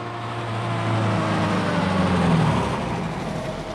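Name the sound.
car engine driving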